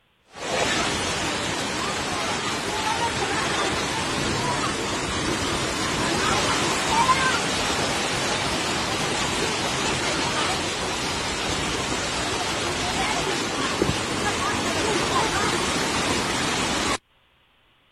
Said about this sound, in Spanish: Pero vamos a escuchar y a observar parte de lo que se vivió durante pues esta fuerte lluvia que generó pues calles anegadas y por supuesto parecía que corría el río.